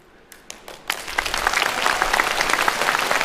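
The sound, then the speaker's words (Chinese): Audience applause at a xiangsheng (crosstalk) comedy show as the performers come back on stage starts with a few scattered claps, then swells within a second into dense, steady clapping from a crowd that holds strong to the end. “都鼓掌了，走啊！”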